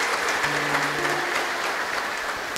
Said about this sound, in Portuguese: Uma salva de palmas do nosso aniversariante.